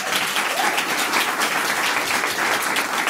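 A crowd applauds steadily, many hands clapping in a dense, continuous wash of sound that stays fairly loud and even throughout, with no voices standing out.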